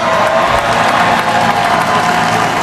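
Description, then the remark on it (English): A huge crowd, an estimated 2 million people at the Lower Manhattan ticker tape parade for the NBA champion New York Knicks, roars and applauds in a dense, unbroken wash of cheering and clapping, loud and steady throughout with no pauses. “Finals MVP Jalen Brunson addresses the packed crowd.”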